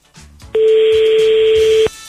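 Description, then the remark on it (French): A single loud, steady electronic keypad tone sounds for just over a second as a landline number is dialed. Only faint low background noise is heard before and after. The call is to a listener family in Saint-Paul for the radio jackpot game Fruit de Million. “Pas d'erreur sur le numéro du téléphone fixe.”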